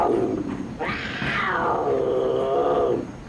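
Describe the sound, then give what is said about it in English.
A mountain lion lets out one long, loud roar, rising sharply then slowly trailing off over about two seconds, against a steady low rumbling background. “You know, last trip, a mountain lion showed up right over that tunnel. There's one now.”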